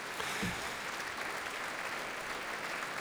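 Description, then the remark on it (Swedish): A large audience applauds in Berwaldhallen concert hall after an orchestra's symphony performance, a dense, even wash of many hands clapping at once, holding fairly steady across the moment as it ebbs out, without any voices. “Ja, applåderna här i Berwaldhallen ebbar nu ut.”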